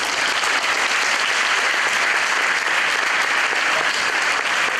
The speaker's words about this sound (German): Am Ende gab es noch eine kleine Überraschung. Der Glauchauer Oberbürgermeister zeigte, dass er mehr ausbalancieren kann als verschiedene politische Meinungen. Achtung! Applaus!